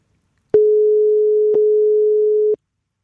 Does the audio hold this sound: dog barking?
no